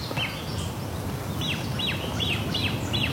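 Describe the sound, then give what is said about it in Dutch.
Great crested grebe chick begging calls, its parents still around: a steady series of thin, high, down-slurred peeps, about one every half second, heard clearly over a constant low rumble of background noise. “Bedelende voet. En die heeft, daar heeft nog wel net op te bedelen, want die ouders zijn er nog bij.”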